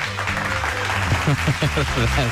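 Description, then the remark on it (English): An applause sound effect: a burst of crowd applause, a steady wash of clapping with rising whoops and cheering voices layered on top, lasting a couple of seconds at an even, fairly loud level. “And since we're past 12 o'clock, we're closer to next weekend than last weekend, which I think deserves some sort of applause or something.”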